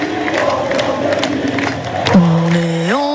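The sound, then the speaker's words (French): A jubilant crowd in Rouen, France, celebrates loudly after France's football win over Morocco, a dense roar of voices and scattered shouts, then a long blaring horn cuts in and bends upward in pitch near the end. “Bon, la fête, 4 ans après leur dernier succès pour les Bleus, hein, contre les Lions de l'Atlas, avec la foule en liesse à Rouen, donc, mais aussi au Havre ou encore à Évreux.”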